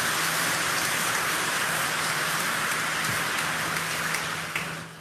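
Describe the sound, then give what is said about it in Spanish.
An audience applauds the Holy Trinity in a dense, steady wash of clapping that holds for several seconds, then begins to thin and taper off at the very end. No one speaks. “Un aplauso a la Santísima Trinidad.”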